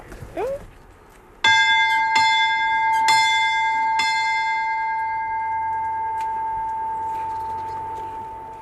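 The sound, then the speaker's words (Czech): A large bell strikes four times at a steady swinging pace, its loud, resonant tone ringing on and slowly fading afterward. A brief voice is heard just before the first strike. “Co říká tvoje babička, ať nám ten zvon nespadne na hlavu? Je fakt velký, nebo?”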